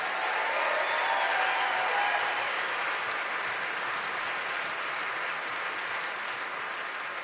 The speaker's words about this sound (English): And now before I tell you who this goes to, I just want to say, can we applaud all of the folks in this category?